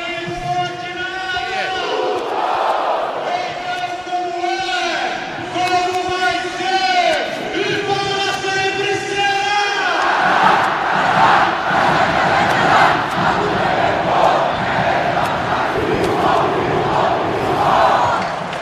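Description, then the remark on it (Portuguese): Sport fans chant the traditional 'casar' in unison after Sport beat Ponte Preta 2-0, the chant started by Sport idol Alessandro Berti Rosa (Magrão): sustained sung notes rising and falling for about ten seconds, then breaking into a loud, steady roar of cheering voices. “É o Sport vencendo e a torcida esperando o tradicional casar.”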